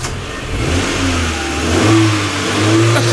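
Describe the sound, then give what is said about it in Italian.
An old 1970s car engine revs loudly, its low throaty rumble climbing and dipping in pitch a couple of times over a few seconds, with no voices. “Cadet, macchina anni 70.”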